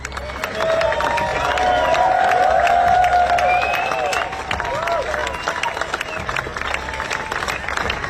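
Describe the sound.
Hundreds of fans clap steadily outdoors as a funeral procession carrying a late singer's coffin, draped in the Welsh flag, passes through the Mumbles, a dense, sustained wave of applause with scattered voices and cheers rising over it, loudest early on and easing slightly toward the end.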